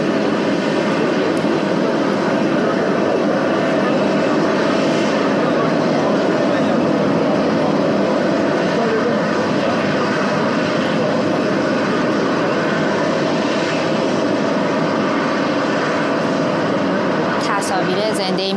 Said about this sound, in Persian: تصاویر زنده‌ای میبینیم از آنکارا، هواپیمای فورس وان، هواپیمای ایر فورس وان، هواپیمای رئیس جمهور آمریکا همکنون بر زمین نشست.